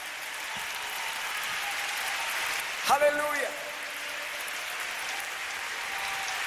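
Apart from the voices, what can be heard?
audience applauding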